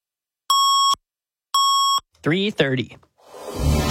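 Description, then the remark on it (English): Two identical loud electronic beeps, each about half a second long with a pause between, form the 680 News radio Double Beep time signal in Toronto, followed by a brief voice and then a rising musical swell. “Right now in downtown Toronto, it's 13 degrees at the Double Beep.”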